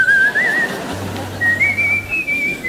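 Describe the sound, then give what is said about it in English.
A person whistles two long, wavering tones with no real melody, the first dipping and rising, the second held higher and steadier, fairly loud over a low background hum. “The louder you whistle, the further the boogeymen stayed away.”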